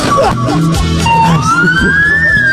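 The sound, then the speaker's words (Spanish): Police sirens of a motorcycle escort clearing the road for a bus heading to the Ricardo Saprissa stadium wail, a rising and sliding tone sweeping upward over a steady rumble of engines and traffic, with faint voices mixed in. “Esas sirenas que escuchan es porque ahora vamos adelante el bus”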